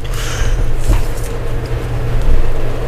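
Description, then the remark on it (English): A distant, approaching train rumbles steadily, a low continuous drone with faint higher hiss and a few soft clicks, holding roughly level over the few seconds with no voices. “Yep, I hear a train off in the distance.”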